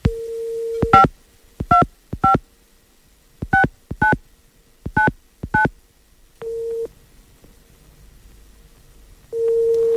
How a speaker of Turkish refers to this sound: Evet numaraları çeviriyorum.